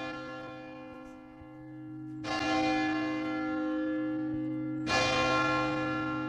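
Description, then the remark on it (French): The large bell of Saint-Vincent Cathedral in Saint-Malo, the first of its five bells, tolls twice, heard from beneath it, loud, each deep strike blooming into a long shimmering hum that carries into the next stroke, with no voices present. “on se trouve sous la cloche de la cathédrale Saint-Vincent de Saint-Malo.”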